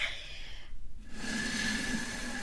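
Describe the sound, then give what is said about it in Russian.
A person blows out puffs of air, a breathy rush that breaks off briefly and then resumes as a longer, steady blow with a faint hollow tone. “Вот я сейчас дуну. Услышите?”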